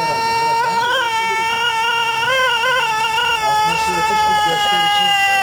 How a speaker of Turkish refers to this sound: Ötüşleriyle birbirleriyle yarışıyorlar. Denizli horozları uzun ve ahenkli ötüşleriyle dünyanın en dikkat çeken horozları arasında yer alıyor.